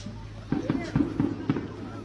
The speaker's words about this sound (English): This is the best fireworks show I've seen since about the 12th of July when they were still blasting. This is great. Kaboom!